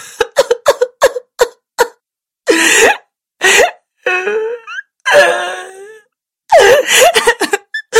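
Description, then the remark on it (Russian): A girl sobs in quick, gasping catches, then breaks into long, wavering wails that rise and fall, loud, with short pauses between cries and no talking. “Не плачь, доченька, съешь горячего пирожка.”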